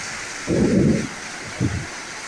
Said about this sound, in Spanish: Así llueve en este preciso momento en Bonito Oriental. A estas horas en Bonito Oriental, lluvia con tormenta eléctrica, amigos. Tormenta eléctrica.